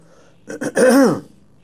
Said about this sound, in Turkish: Biz öksüreceğiz. Sesimiz de kısık olacak.